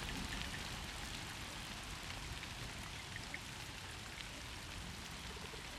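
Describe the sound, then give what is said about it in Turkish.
Steady cold rain falls continuously, a dense hiss of drops pattering on surfaces, even and unbroken throughout with no voices. “Yağmur düşündüğümden soğukmuş.”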